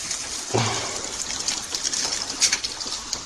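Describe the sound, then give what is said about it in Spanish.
A hand scoops into a pile of hailstones, making a crunchy, clattering rustle of ice pellets shifting against each other, steady with a few sharper bursts, and no voices. “Mira, mira, Y porque ahí cuando agarra el, escuchar el sonido de cuando agarra el granizo.”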